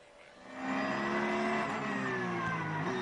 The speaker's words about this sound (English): So we are ready. The cars are almost at the end of their formation lap. So strap in.